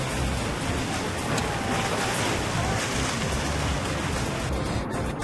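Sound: rough sea waves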